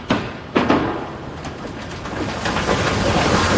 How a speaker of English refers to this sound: Water! Okay. We're filling the tank. We just got the first bit of water going in.